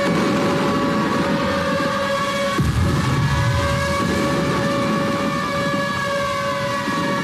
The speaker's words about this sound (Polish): W mroku poranka, dokładniej w minucie, w której 87 lat temu pancernik Schleswig-Holstein otworzył ogień w stronę polskiej placówki, na Westerplatte rozległ się przeszywający dźwięk syren, a w niebo wystrzelono flary.